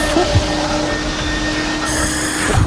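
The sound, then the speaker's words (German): A car vacuum cleaner runs with a steady, loud whooshing roar and a faint whine, with a couple of brief rattling knocks as objects are sucked up from a car during a vacuuming game on Radio KW. No one speaks. “Und zwar saugen wir unser Auto aus und Gegenstände ein”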